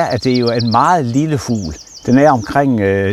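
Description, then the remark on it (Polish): A wren, a very small bird weighing about 10 grams, sings rapid, high-pitched trills in short bursts behind a person talking, the thin warbling notes fairly faint beneath the louder voice. “Rzecz w tym, że po ostatniej zimie populacja strzyżyka, bo o nim mowa, zmniejszyła się o połowę.”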